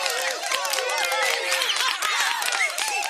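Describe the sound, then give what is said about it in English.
A round-of-applause sound effect: a steady burst of applause from a crowd, dense clapping mixed with whoops and cheering voices, holding at an even, fairly loud level for about three seconds. “where's the round of applause? It disappeared on me. Here we go.”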